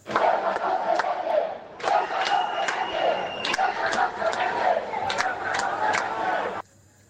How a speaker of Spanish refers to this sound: Por otro, están indignados con la sensación de que Ceuta está siendo vendida. Y es que así han gritado los ceutíes mientras esperaban la llegada de Sánchez al ayuntamiento de la ciudad.